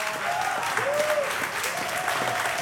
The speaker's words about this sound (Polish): Państwo biją brawo, konfetti, szaleństwo, showman.